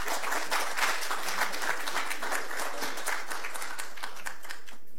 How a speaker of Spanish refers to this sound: Para eso invitamos al estrado al gobernador regional de Arequipa, el señor Roel Sánchez, a quien también recibimos con un fuerte aplauso.